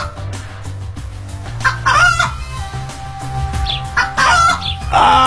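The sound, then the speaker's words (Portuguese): Chickens cluck and squawk in several loud bursts, with short pauses between them, over a steady low hum in the background. “Charadinha tem a ver com a galinha? Com certeza, porque uma conversa entre duas galinhas nunca termina.”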